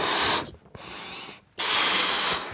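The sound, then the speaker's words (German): Rummaging through a box of items: rough, scratchy rustling and scraping in two bursts, separated by brief pauses, with no one speaking. “gruselt in der Lachlaborkiste.”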